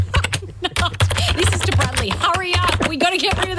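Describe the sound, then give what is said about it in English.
Rapid, uneven clicking of fingers typing on a computer keyboard, steady throughout, with muffled voices and a low electrical hum underneath; someone typing out an email to the tech person about a network fault. “Oh, are you typing out an email to him now?”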